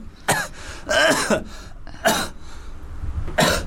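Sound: coughing and throat clearing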